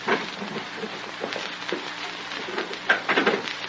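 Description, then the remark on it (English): A glass pane is smashed by a child using a police officer's nightstick, giving a steady crackling, crunching clatter of breaking shards with a few sharper, louder bursts toward the end; no one speaks. “Now, take my nightstick. Break the glass.”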